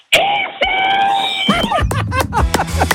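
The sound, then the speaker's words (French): A woman standing at a fence by a closed gate lets out a long, piercing scream as loud as she can, sustained and very loud for over a second, then breaks into excited, laughing vocal outbursts. “Mets dans la clôture et je veux que tu hurles le plus fort possible.”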